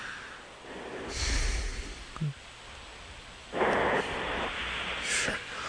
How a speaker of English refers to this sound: Now, that's snoring. It's in the cadence of a snore.